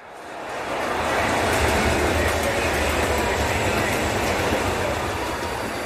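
A steady, loud rumble of a train at a railway station swells in, holds with a broad mechanical roar and faint clatter, then eases slightly toward the end. No voices are heard.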